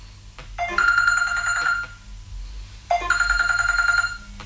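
A telephone rings twice in clear, evenly spaced electronic trills, each burst lasting about a second with a short pause between, fairly loud over a low background hum.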